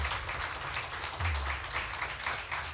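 Steady audience applause, a 10-point welcome for the next starter in the second preliminary round, a dense wash of many hands clapping at once with no single claps standing out, sustained at an even level throughout with a low rumble underneath.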